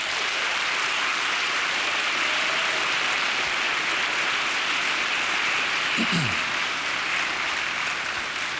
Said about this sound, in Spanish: Me dé un aplauso a ellos, hermano.